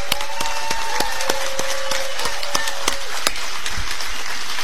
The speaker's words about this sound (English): Susan Collins is here, the incumbent senator. She's working the crowd. She'll be with us at the bottom of the hour. She's talking to people. We've got a good crowd here. Everybody, give Susan Collins a round of applause.